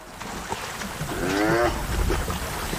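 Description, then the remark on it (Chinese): Two male spotted hyenas fighting, seen on a wildlife-viewing safari: a strained, wavering whine-growl rises and falls for about half a second over a rough, noisy background, followed by scuffling grunts. No one speaks. “这两只斑鬣狗为什么打架？”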